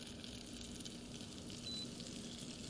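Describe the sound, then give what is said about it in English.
Hot oil with spices and lemon sizzles steadily as it is poured over a block of feta, a continuous crackle and hiss that holds an even level for a few seconds, with no voices. “So I'm taking this and I'm just pouring it over the feta.”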